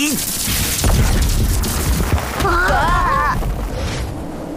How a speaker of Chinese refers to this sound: 哇，石头都被打碎了，好厉害！ 这下挖得动了吧？